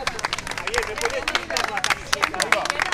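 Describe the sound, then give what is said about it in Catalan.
A crowd waiting behind barriers beside a hospital entrance claps and shouts to actors Javier Bardem and Victoria Luengo in overlapping calls, steady applause crackling under excited, jumbled voices, with no single speaker standing out. “entre els quals Javier Bardem i Victoria Luengo, que cridats per la gent que està esperant darrere d'unes tanques aquí al costat de l'entrada de l'hospital, els han cridat, han aplaudit i ells han anat allà a fer-se unes fotos.”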